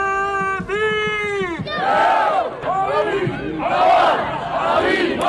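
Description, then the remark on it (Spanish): A crowd of fans cheers and shouts loudly at an open-door training session of Athletic's first men's football team in Lezama, with rising and falling chanted calls. It opens with a long, steady drawn-out tone before the roar swells in waves. “En fútbol, nuevo baño de masas del primer equipo masculino del Athletic. Hoy con un entrenamiento a puerta abierta en Lezama.”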